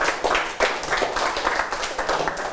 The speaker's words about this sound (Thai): โอเคปรบมือให้กับทั้ง3คนนะครับนักเรียน